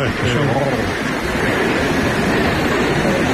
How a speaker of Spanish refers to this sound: Son 222 metros de caída en un circo de piedra fabuloso. El sitio en sí ya es espectacular, pero claro, si ves caer esa cola de caballo, esa cola de agua, pues más todavía. No, es que mira cómo suena, digo, es que mira cómo suena.